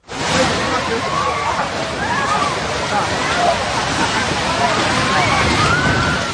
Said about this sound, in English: You can hear the screams, slightly muffled, but you could definitely hear the screams as that building collapses in front of the onlookers.